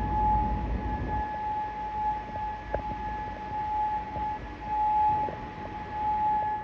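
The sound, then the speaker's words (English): A steady air raid siren tone holds across the whole recording in Bahrain during an Islamic Revolutionary Guard Corps attack. It echoes over a low rumble of outdoor background noise, with no voices present. “Air raid sirens echoed across Bahrain while Kuwait activated its air defense systems to intercept incoming threats.”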